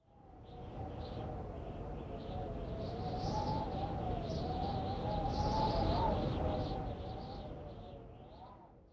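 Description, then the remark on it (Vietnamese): Strong wind howls steadily for about nine seconds, a wavering whistling tone riding over a thick, roaring rush that swells slightly in the middle before easing off. “Từ này có thể hiểu là tiếng gió rất mạnh, với câu ví dụ 風がビュービュー吹いています.”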